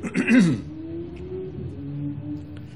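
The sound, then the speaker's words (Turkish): A brief, fairly loud burst of coughing or throat clearing, then fading into a low steady hum of room noise. “Onun için öksürüklerle konumuza hep devam ederiz.”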